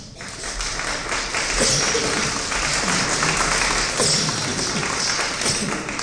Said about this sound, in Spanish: ¿Cuántos dicen gloria a Dios? Un aplauso, por favor.